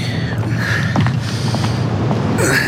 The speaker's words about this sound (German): Vielleicht stellen wir noch Ihren Koffer vor die Tür.